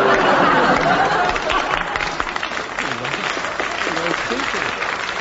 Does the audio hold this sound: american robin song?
no